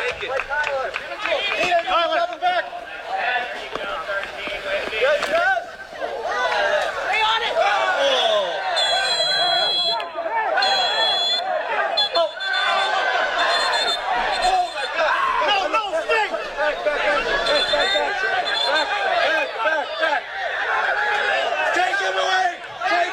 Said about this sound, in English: Yeah, as you can hear, video recorded there from the stands. Some of the fans yelling, take him away.